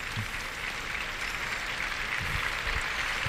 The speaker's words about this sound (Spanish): Y en este momento lo que está es saludando Lea Vicens, que saluda al público, una ovación desde el tercio, ya se va al burladero.